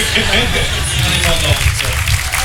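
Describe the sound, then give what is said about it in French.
A dense, steady roar of crowd noise from a lively drag show audience, with scattered clapping and indistinct voices blending into a continuous loud wash of sound. “je vous ai ramené un petit peu de son d'ambiance qu'on va écouter tout de suite en plein cœur du show, avec des rires, de la musique, de l'énergie de la foule.”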